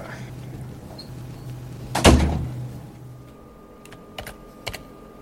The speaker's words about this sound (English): Just close this door.